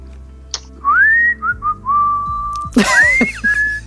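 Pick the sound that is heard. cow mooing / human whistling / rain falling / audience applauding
human whistling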